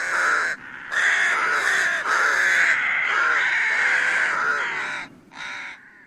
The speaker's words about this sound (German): Leichter Schnee sozusagen auf Park und Landschaft liegend und dazwischen dann immer diese schwarzen Tupfer mit so seltsamen weiß-grauen Schnabelgrund. Das sind Saatkrähen und die kommen im Winter vor allen Dingen.